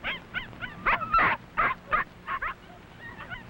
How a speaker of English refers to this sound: 7 puppies are a large number for a small dog like Mother Mac to nurse. And so the babies grow bigger and stronger. They like to romp and play with their mother, and she is very sweet with her tiny puppies.